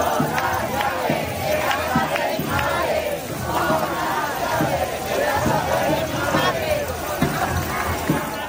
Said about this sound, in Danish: Det her er nøglerne til min mors hus, råber de her i Madrid, mens de rasler med deres nøgler i protest mod det, de kalder en boligkrise.